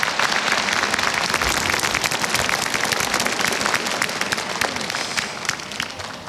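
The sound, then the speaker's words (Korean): A large crowd claps steadily for the Ministry of National Defense military band's traditional ensemble, which opened a celebration ceremony, a dense wash of many hands that stays loud and sustained throughout with no talking, fading slightly near the end. “힘찬 연주로 경축식의 문을 열어준 국방부 군악대대 전통악대 다시 한번 박수 부탁드립니다.”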